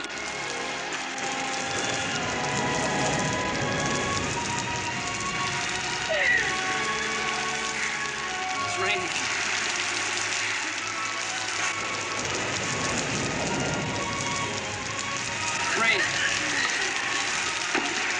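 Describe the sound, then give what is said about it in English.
Steady rain falls throughout, a dense, continuous hiss of drops pattering on a surface, even in loudness, with a faint low hum and murmur underneath. “Rain, just like the drops coming down.”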